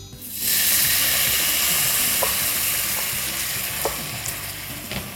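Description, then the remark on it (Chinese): Water is added to a hot frying pan of stir-fried ingredients cooked until the liquid has reduced, erupting into a loud, steady sizzle, a dense hissing roar that holds for several seconds, with occasional pops and scraping clicks of stirring, while cooking a thin wheat noodle (mian xian) dish. “那我现在呢就把炒了差不多，就是已经收水收干了，我就把这个水加进去。”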